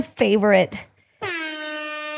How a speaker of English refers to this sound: But for now, attention, attention, attention. Wait. Let's do the air horn.